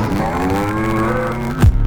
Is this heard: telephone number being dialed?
no